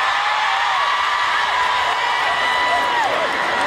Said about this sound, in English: And they also do weddings. And the crowd goes wild.